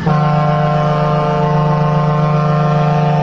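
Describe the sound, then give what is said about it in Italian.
A single loud, sustained horn blast, a deep, steady blaring tone that holds at full strength for several seconds with no voices, like a truck air horn or ship's horn. “Volevo mandarti questa trombata perché te la meriti tutta.”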